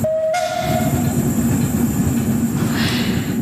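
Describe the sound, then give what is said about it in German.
A steam tram rumbles steadily along the rails with a constant low mechanical roar, opening with a brief high whistle tone that fades within the first second. “Die vom Dampftram sind glücklich und die Leute am Strassenrand, an den gezückten Handys an, offenbar auch.”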